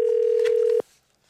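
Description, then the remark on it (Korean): A steady, loud telephone tone holds for under a second as an MBC radio show places a call to a listener, then cuts off abruptly, leaving near silence with a faint click. No one speaks. “전화 드려보겠습니다.”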